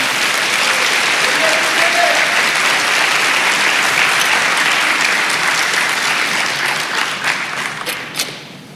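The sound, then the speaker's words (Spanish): An audience claps loudly and steadily for several seconds in praise of the Lord, a dense wash of many hands, before the applause thins out and fades near the end. “Dele palmas al Señor.”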